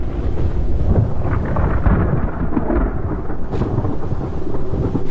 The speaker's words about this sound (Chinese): 此时所有的白鹳都已经回到巢里，坠落的雨滴带来了冷空气，温度较低的下沉气流使空中形成了弧状云，看来不久后将会发生强烈的暴风雨。远处厚重的云层预示着即将到来的灾难，一场瓢泼大雨。